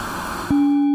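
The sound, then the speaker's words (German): Hissing noise with a few bands boosted for half a second, then a loud, steady low-pitched tone with faint overtones rings out and holds to the end, as the noise passes through a resonant filter that overemphasizes one part of the spectrum. “jetzt haben wir einen Filter mit einer Resonanz, die einen bestimmten Teilbereich des Spektrums jetzt überbetont”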